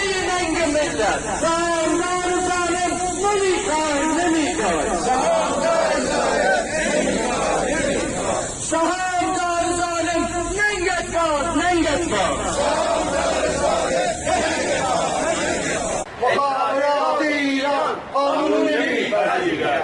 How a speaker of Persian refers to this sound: تصاویر رسیده به ایران اینترنشنال از دومین روز تجمعات اعتراضی مالباختگان پرونده های واردات خودروهای سنگین حکایت میکند. این تجمع روز دوشنبه مقابل ساختمان وزارت صنعت معدن و تجارت در تهران برگزار شد.